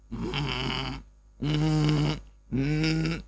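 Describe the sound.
A person's voice imitates a dog growling: three rough, throaty growls, each about a second long, separated by short pauses, fairly loud with no other talk.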